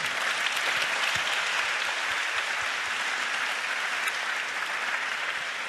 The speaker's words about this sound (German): Bitte, dass Sie sich selber applaudieren, weil Sie haben wirklich hier einen spannenden Abend erlebt und waren beteiligt. Das konnte ich merken. Die Stimmung im Saal war höchst interessiert. Also geben Sie sich bitte selber noch einmal einen Applaus.